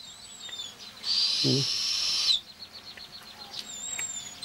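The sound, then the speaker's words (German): A young eagle-owl gives one harsh, hissing screech lasting over a second, loud, with a brief low note partway through, then quiet background with faint high chirps. “Dem kleinen Uhu dagegen ist langweilig.”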